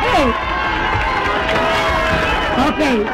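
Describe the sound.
A crowd cheers and applauds loudly and steadily, with rising shouts and whoops over a dense wash of clapping and voices.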